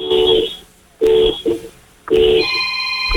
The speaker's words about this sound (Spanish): Hermano, te voy a pedir un favor, prepara tu bocina, asoma el celular por la ventana para que se escuche. Quiero cuatro bocinazos medianos ahora.